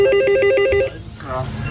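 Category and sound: signal or alarm, small bell ringing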